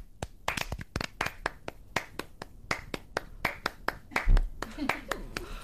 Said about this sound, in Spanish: O sea, ¿qué vamos a hacer? Un ritmo de palmas. ¿Pero cada una a su bola? O sea, bueno, claro. Un ritmo de palmas.